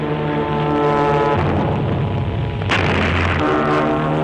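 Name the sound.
bomb explosions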